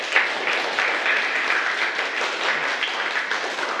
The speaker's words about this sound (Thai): ขอบคุณนักเรียนต้นทางปรบมือให้กับตัวเองสำหรับวันนี้